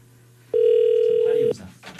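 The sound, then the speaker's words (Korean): A single steady electronic ringback tone of an outgoing phone call sounds for about a second, loud, with faint voices murmuring underneath and after it. “제발 받아주세요. 보이스피싱 아닙니다. 너무 귀한, 너무 중요한 전화예요.”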